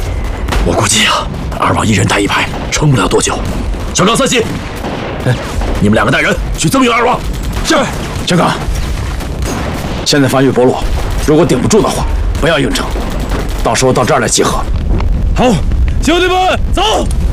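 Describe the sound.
Heavy gunfire and artillery explosions rumble continuously, loud and dense, with men's voices talking over the din of battle throughout, as Japanese troops attack a village from the southeast and northwest.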